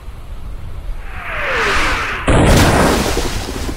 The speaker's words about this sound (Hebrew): מסביבנו שועטות 250 מפלצות ברזל משוריינות, מחליפות מהלומות אימתניות באמצעות תותחיהן הענקים. פגזים נופלים לכל עבר, מרימים סילונים אדירים של מים אל השמיים.